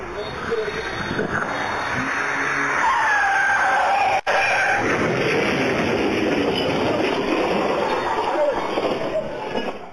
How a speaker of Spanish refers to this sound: El auto que circulaba a alta velocidad perdió el control. Se estrelló contra un poste y terminó volcado. El impacto dejó a uno de los ocupantes atrapado entre los restos del vehículo.